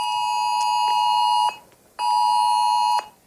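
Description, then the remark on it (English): A loud, steady electronic emergency alert tone from a mobile phone, from the Australian government's emergency warning system, sounds in two long blasts of about a second and a half each, separated by a short gap, with no one speaking. “It'll send That alert to your phone accompanied by a 10-second siren.”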